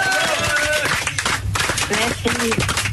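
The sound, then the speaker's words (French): Studio applause for a guest on an evening show: steady, dense clapping that fills the whole stretch at a loud level, with voices speaking and calling out over the top of it. “On peut l'applaudir,”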